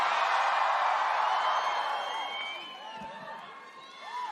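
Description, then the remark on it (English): A large concert audience in London screams and cheers loudly and continuously, a dense wall of high-pitched shrieks and whoops that stays strong throughout and fades slightly before swelling again at the end. “Do you have to scream so loud? I can barely hear myself.”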